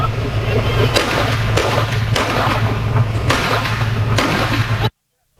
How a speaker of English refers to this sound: Homeowner shoots intruder X number of times. New Orleans police say that a man shot another man who was breaking into his house. A neighbor's doorbell camera in the St. Bernard neighborhood captured the gunshots.